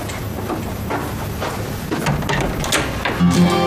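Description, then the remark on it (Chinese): A door is opened for someone who has arrived, with a rattling mechanical shuffle, a few scraping clicks and a brief low thump near the end, heard on its own with no talking. “您等会儿啊，有人来了，我去开门。”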